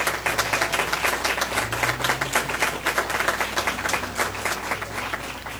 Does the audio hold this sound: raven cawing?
no